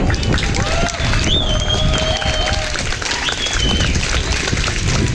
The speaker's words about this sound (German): Ein riesen fetter Dank raus. Und von euch auch nochmal bitte Applaus für all diese Leute.